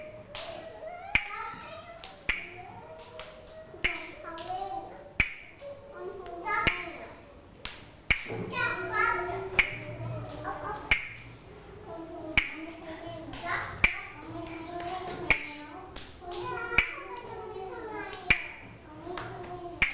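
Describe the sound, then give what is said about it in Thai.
Children clap their hands in a steady beat, about one sharp clap every second or so, in a classroom rhythm game where they clap when the teacher holds up a square picture; kids' voices and chatter run underneath throughout. “รูปสี่เหลี่ยมถ้าเด็กๆเห็นรูปสี่เหลี่ยมให้เด็กๆปรบมือให้ทำอะไรคะ ให้ตักมือ ปรบมือนะถ้าคุณครูพัดให้จังหวะหยุดแล้วยกรูปสี่เหลี่ยมขึ้นมาให้เด็กๆปรบมือนะคะ”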